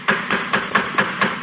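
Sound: knocking on a door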